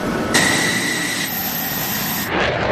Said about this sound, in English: This F-16 fighter jet blasting off from Andrews Air Force Base just after 7 a.m. in hot pursuit of this Cessna plane, which has entered restricted airspace in a training exercise conducted by the Coast Guard and NORAD.